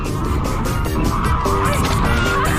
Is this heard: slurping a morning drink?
no